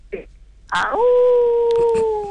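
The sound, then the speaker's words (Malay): A man's voice imitates a wolf howl, a short yelping lead-in followed by one long, steady, sustained tone held for more than a second, fairly loud, with faint background noise. “…, sekarang ni … bunyi baru serigala macam mana?”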